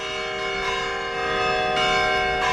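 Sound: church bells ringing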